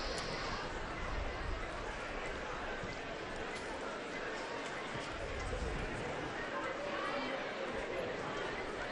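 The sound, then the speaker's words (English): A crowd of children chatters continuously among pilgrims greeting the Pope as he makes his way back to Castel Gandolfo, many overlapping voices blending into a steady, dense babble that holds an even loudness throughout with no single voice standing out. “Two young brothers reaching out for handshakes, a crowd of children now, among the last of the Holy Father's greeting as he makes his way back to Castle Gandolfo.”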